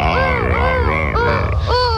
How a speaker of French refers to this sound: Je m'approche doucement d'un couple de lions et de lionnes. Oula, ils crient. Ils vont s'accoupler. Écoutez-les. Le lion est bien le roi de la jungle, comme tu peux l'entendre.